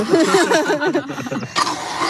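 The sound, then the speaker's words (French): A small battery-powered motor worn on a belt drives an equine dental burr through a drive cable while working on a donkey's teeth, with a wavering, shifting whine, then a rougher, steadier grinding buzz near the end, fairly loud throughout. “J'ai un petit moteur à la ceinture. Et donc, il y a un câble d'entraînement jusqu'à la fraise.”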